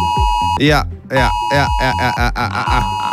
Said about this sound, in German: Ja, heute ist in Deutschland Warntag. Das heißt, um 11 Uhr klingeln eure Handys und geben diesen Sound hier ab.